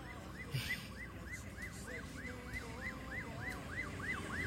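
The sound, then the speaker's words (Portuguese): A fire engine siren wails in a fast, repeating rise-and-fall yelp, steady and fairly loud over rumbling street traffic, with no one talking. “Os bombeiros, aí.”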